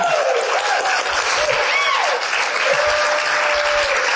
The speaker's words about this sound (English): Can you guys give her a round of applause, please?